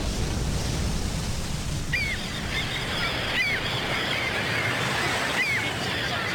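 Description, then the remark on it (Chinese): A steady, loud wash of sea waves fills a large naval port, with a few sharp seabird calls cutting through now and then; no one speaks. “这是大海军港。”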